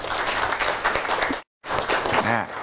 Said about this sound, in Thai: ดีมากปรบมือให้เพื่อนเลยครับ